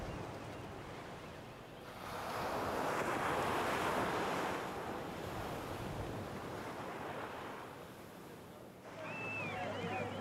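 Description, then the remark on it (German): Surf rolls onto a kilometres-long sandy beach on Socotra in a broad, steady roar that swells after a quieter start and stays loud throughout, with a few high seabird cries near the end. “Die kilometerlangen Sandstrände von Socotra gehören den Seevögeln und Reiterkrabben, die auf Futtersuche rastlos zwischen Land und Meer wechseln und bei der kleinsten Störung in ihren Sandburgen verschwinden.”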